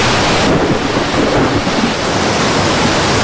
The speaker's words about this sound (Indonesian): Ada apa ini? Mengapa tiba-tiba ada badai? Air sudah masuk perahu.